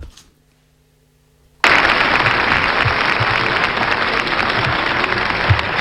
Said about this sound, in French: N'essayez pas d'influencer le vote par des applaudissements intempestifs, hein.